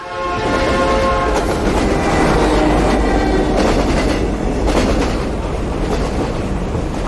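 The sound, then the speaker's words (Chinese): A moving train, ridden to travel abroad, rumbles loudly and steadily with rhythmic clickety-clack of wheels over the rails, a brief horn-like tone sounding at the start. No one speaks. “这哪有坐火车出国的呀？”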